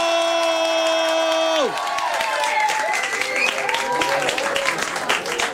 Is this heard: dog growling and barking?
no